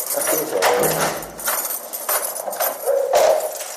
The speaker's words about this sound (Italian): Oggi queste persone vivono in una casa chiusa da reticolati e cancelli nel verde che si apre sui vigneti del Mendrisiotto. Tric-trac di chiavi, passi che risuonano nei corridoi.